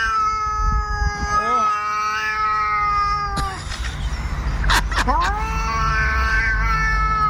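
A cat caterwauls loudly in long, wavering yowls, breaking off briefly with a couple of sharp bursts before the drawn-out wailing resumes over a rumbling background.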